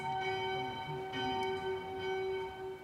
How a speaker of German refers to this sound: Und genau in diesem Moment ertönen die Glocken zum Mittagsgeläut. Ganz bestimmt kein Zufall.